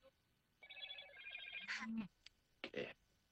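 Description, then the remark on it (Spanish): A telephone rings with a bright, warbling electronic tone for about a second, then cuts off as a few short bursts of voice follow. “Se atravesó el teléfono.”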